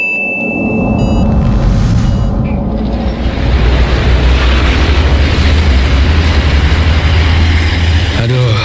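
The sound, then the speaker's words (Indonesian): A car engine runs steadily and loudly at midday, a constant low rumble that fills the whole stretch, mixed with dense, noisy background clatter. “Itu kok ada mobil mesinnya nyala?”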